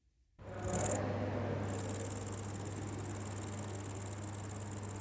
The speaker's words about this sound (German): Erkennen Sie das Insekt? Richtig, eine Grille.